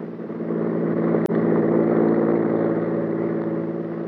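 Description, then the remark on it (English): Maxton's car whips past on a road with a loud engine roar that holds steady almost the whole time, broken by one brief sharp click partway through. No one speaks. “Maxton's car whipped by.”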